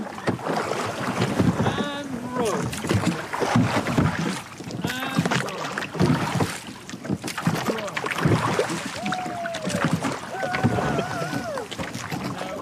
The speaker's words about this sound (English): So I met up with Loch Tay Skiff Club, and they were kind enough to let me out on the boat where they're out for a row. OK, ready to row, and row.